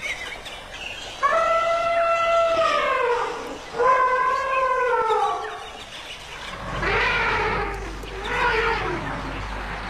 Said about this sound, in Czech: Tam opravdu byla vidět jenom ta obloha a ty hvězdy a pod tím to dupání a funění a troubení slonů a ty malé sluněta, které si tam mezi sebou kočkovaly u toho napajedla.